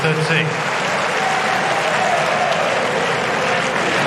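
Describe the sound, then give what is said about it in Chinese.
A large home crowd at a tennis match between Sinner and Ruud claps and cheers after a winning crosscourt short ball, in a dense, steady roar of applause that stays loud for the full four seconds, with a faint voice barely audible underneath. “这个短球的制胜分啊，也引爆了现场观众的热情。”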